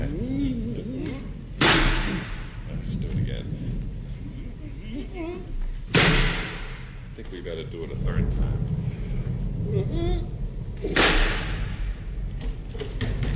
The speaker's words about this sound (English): Oh, tremendous-sized brass knocker on this door. Look, a lion's head carved upon it.